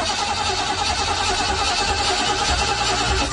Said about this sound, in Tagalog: Sus! Nga naman eh, murag nagbaga naman yung tingog sa ko ang makina. Tay, ang imo makina tingali, uga na ang engine oil.